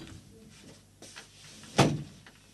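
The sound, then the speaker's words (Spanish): A door shuts with a single solid thud, preceded by faint shuffling and handling noises amid otherwise quiet. “Le voy a cerrar la puerta.”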